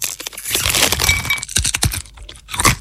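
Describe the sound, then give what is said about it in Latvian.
Crisp, crackly crunching of nuts from Rieksti jums LV being chewed, a dense run of brittle cracks followed by several sharp, separate crunches and a final loud burst, with no voices. “Traukšķīgi rieksti, žāvēti augļi un citas gardas uzkodas.”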